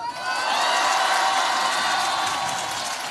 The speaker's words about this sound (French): Exactement, devant un public acquis à sa cause, l'insoumis égrène ses mesures dans un tonnerre d'applaudissements.